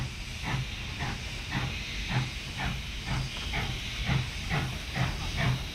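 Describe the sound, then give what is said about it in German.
A steam locomotive chuffs in a steady rhythm, each puff a breathy burst of steam over a continuous hiss and low mechanical rumble, moderately loud with no voices. “Also, Dampf ab und los geht's.”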